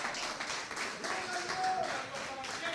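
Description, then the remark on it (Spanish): An audience claps hands in praise of Christ in a dense, steady burst of rhythmic clapping for a few seconds, with faint voices mixed in underneath. “Palmas de alabanza a Cristo, hermanos.”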